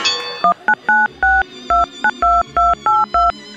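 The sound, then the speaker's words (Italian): A rapid sequence of about eleven touch-tone telephone dialing beeps, each a short steady two-pitch tone separated by brief gaps, played clearly with no voices over them. “Guarda il telefono, che porco d'un...”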